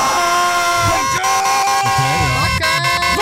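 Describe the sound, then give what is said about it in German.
A loud Wacken festival-themed alarm clock ringtone, the first official "Wackenwecker" of 2026. Steady, blaring horn-like tones are held throughout, with rhythmic shouted voices chanting "Wacken" over them and a few sharp percussive hits. “hier kommt das Ergebnis, der offizielle, erste offizielle Wackenwecker 2026.”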